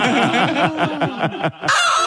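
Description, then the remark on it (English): A hen clucks loudly in a quick, steady run of about eight clucks, ending with a short, harsher squawk after a brief pause; it is the 'mad hen' clucking cue of CFM radio's Winner Winner Chicken Dinner contest. “And when you hear our mad hen clucking, give us a buzz”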